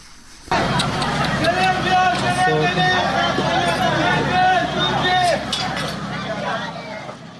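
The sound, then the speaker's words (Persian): A dense, agitated crowd of many overlapping voices, with shouting and raised calls, continuing steadily throughout, in the first minutes after an explosion at a wedding ceremony in Sirik, Hormozgan, struck by missile fragments during US airstrikes. Occasional faint clinks sound through the commotion. “این صداها نخستین دقایق پس از وقوع انفجار در یک مراسم عروسی در سیریک را ثبت کردند، جایی که بنابر گزارش هلال احمر هرمزگان در جریان حملات هوایی آمریکا ترکش‌های یک موشک به آن اصابت کرد.”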